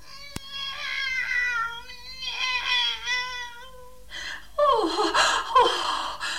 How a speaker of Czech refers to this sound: Kocour je živ a zdrav. Poslechněte si jeho hlas.